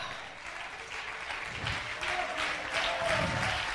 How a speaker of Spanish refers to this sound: No, hombre, esto es para que usted hubiera dado ese aplauso más fuerte, hombre.